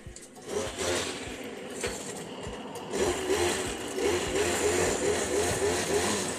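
A washing machine on its spin cycle gives a steady, loud mechanical whir with a rattling, motor-like drone that grows slightly stronger partway through, with no one talking.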